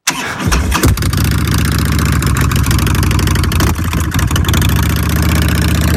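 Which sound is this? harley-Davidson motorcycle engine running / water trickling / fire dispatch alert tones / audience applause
harley-Davidson motorcycle engine running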